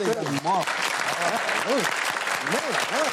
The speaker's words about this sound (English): Hey, I think that deserves a round of applause.